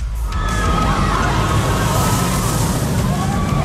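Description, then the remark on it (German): A roller coaster sound effect, played on the radio between two songs, rumbles along its track in a steady, loud roar, with rattling wheels and a faint high whine rising over the constant noise. “Hört ihr diese Gewinner-Achterbahn zwischen 2 Songs im Radio?”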